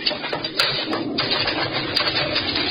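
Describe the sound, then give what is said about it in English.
Ten pigeons released from a cage take off at once in a dense flurry of flapping wings and rustling that stays loud and steady throughout, with no voices. “Open the cage and let the pigeons go.”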